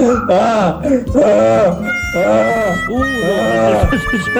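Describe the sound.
Someone imitates a donkey in love braying, with about four loud, rhythmic rising-and-falling vocal cycles in a row, strained and nasal, filling the whole stretch.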